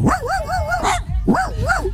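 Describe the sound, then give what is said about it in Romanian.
A man's voice imitates a dog barking on a beach, with two loud, wavering yelp-like bursts separated by a short pause, over a noisy outdoor background. “Uite, eu am lătrat acum pentru prietenul Tudi, Cătălin Tudorașe, care mi-a zis: bă, dar e … în vacanță, mi-e dor de lătratul lui, nu vrei să latri pentru mine?”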